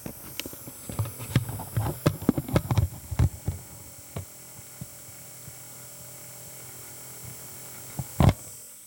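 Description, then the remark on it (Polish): A cassette deck lid being opened: a flurry of plastic clicks and clunks, then quiet with a steady electrical hum, and one sharp, louder clunk near the end. “Otworzę klapę.”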